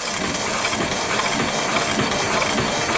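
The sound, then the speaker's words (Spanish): A Minerva printing press runs steadily, its repeated dull thuds falling in an even mechanical rhythm over a constant hissing, whirring machine noise. No one speaks. “El golpe seco de una máquina Minerva, el olor de la tinta recién extendida, los cajones de tipos móviles, las manos ennegrecidas de los impresores.”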